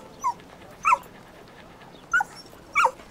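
A dog whimpers in short, high-pitched whines, four brief cries spaced out over a few seconds, fairly quiet, with no one speaking.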